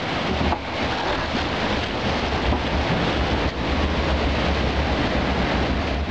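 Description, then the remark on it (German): Steady, loud rushing water roars throughout, a dense continuous wash of churning flow in the channel of a log flume ride, Germany's first, at Phantasialand, with nearly a kilometre of water channel; slight surges but no pauses and no voices. “Gemeinsam mit der größten Erweiterung in der Geschichte des Phantasialandes entstand auf dem neu hinzugewonnenen Gebiet jenseits des Senderbachsweges eine damals einmalige Attraktion, Deutschlands erste Wildwasserbahn.”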